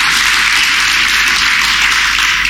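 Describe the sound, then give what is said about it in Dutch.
Dense, steady applause from a crowd for the band and all the volunteers, many hands clapping at once into a continuous bright wash of sound with no individual claps standing out, sustained at full volume throughout. “Zullen we de band en alle vrijwilligers even een geweldig applaus geven?”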